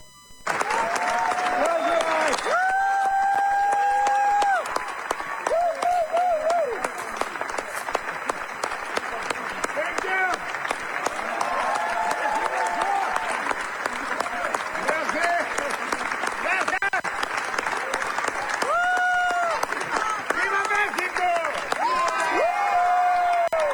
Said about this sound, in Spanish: a 20 años de haberse estrenado en el Festival de Cannes, allá en Francia, la película El laberinto del fauno, ayer el director mexicano Guillermo del Toro fue ovacionado y aprovechó para gritar un ¡Viva México!